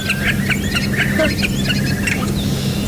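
A starling sings a busy, varied song of whistles, clicks and harsh crow-like squawks, mimicking the calls of a curlew, a crow and many other birds, continuous over a low steady background hum.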